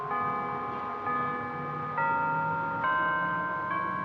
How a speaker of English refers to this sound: But we had 5,000 come out, and then we marched to the Arlington Street Church. as we approached the church, the bell started playing We Shall Overcome.